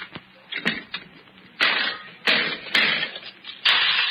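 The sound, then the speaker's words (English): A slot machine pays out a 20-nickel win, spilling nickels in a run of bright, rattling metallic bursts, each starting with a sharp clink and trailing into jangling clatter, irregular and fairly loud, with no voices. “Oh, that was a 20-nickel win, friend.”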